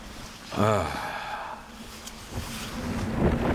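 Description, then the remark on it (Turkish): Wind of a strengthening snowstorm roars around a tent in the Arctic winter, a steady, rushing hiss that swells toward the end, with a brief breathy, voiced gasp early on. “Şimdi de soluk kar yağıyor. Hızını artırıyor.”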